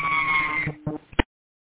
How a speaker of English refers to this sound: Fire dispatch last unit, I couldn't copy your traffic. All I heard was sirens.